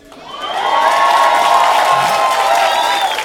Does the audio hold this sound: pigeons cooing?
no